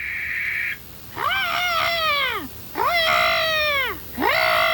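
A barn owl calls three times at night, each a loud, drawn-out cry that rises and then sags in pitch, with short pauses between calls and no one talking.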